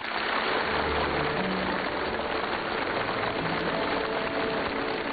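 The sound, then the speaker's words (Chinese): Warm, sustained applause from a large crowd at the opening ceremony of the 2026 World Artificial Intelligence Conference by the Huangpu River, as Xi Jinping begins his keynote speech. A dense, steady wash of clapping stays loud and even throughout, with no voices over it. “在热烈的掌声中，习近平发表题为“携手构建公正合理的全球人工智能治理体系”的主旨讲话。”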